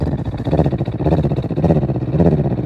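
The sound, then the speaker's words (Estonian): A person imitates a cat purring on the exhale only, with a low, rattling throaty rumble that swells and fades in steady breathy waves, loud and continuous with no words spoken. “No välja hingamisel ka mina võin teeselda, imiteerida nurrumist.”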